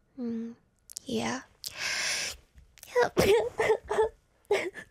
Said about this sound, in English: am I gonna sneeze?